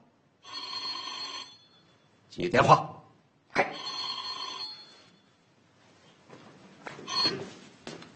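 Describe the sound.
A telephone rings in two bright, buzzing bursts about a second long, separated by short pauses, with brief voices speaking in between and at the end.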